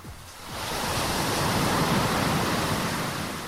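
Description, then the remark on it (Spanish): Ocean waves surge in a steady, broad wash of surf that swells after the first half second and stays loud and continuous, with no voices present. “¡Se escuchan las olas!”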